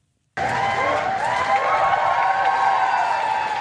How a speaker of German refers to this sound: Als Volodymyr Selenskyj vor die Downing Street Nummer 10 tritt, brandet Applaus auf.